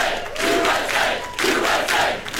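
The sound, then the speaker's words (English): A large crowd of soccer fans chants and screams loudly, the roar swelling in rhythmic bursts about every half second, a dense wall of many voices with no single speaker standing out. “For real, if you hear people screaming around 8 p.m. tonight, you know why.”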